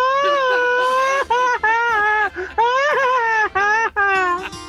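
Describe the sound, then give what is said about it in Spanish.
A loud, high shouted wail delivered in rapid staccato bursts, the voice wavering up and down in pitch and breaking off briefly between about six choppy segments, like a machine-gun grito. “Y yo digo el grito ametrallador.”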